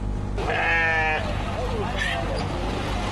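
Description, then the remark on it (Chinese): A sheep bleats loudly in a long, wavering cry, then gives a shorter second bleat, at a Wednesday-afternoon bazaar in Xinjiang where farmers bring sheep by donkey cart, with a steady low rumble of crowd and traffic noise underneath. “巴扎在维吾尔语中是集市的意思，每逢周三下午，农民都会赶着毛驴车带着羊儿到集市上凑热闹，而羊毛专家也会到这里来寻找优质的羊毛。”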